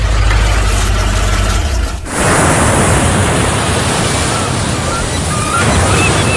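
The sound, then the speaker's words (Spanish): Ocean waves break on a beach in a loud, continuous wash of surf, cutting in abruptly after a couple of seconds of low rumbling. No one speaks. “Playas y mágico mar.”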